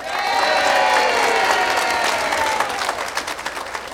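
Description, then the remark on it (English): A crowd applauds steadily for a polka band member being introduced on stage, with dense clapping and a few whoops or cheers rising over it; the clapping thins toward the end into scattered individual claps. “How about a nice round of applause for John Fornick?”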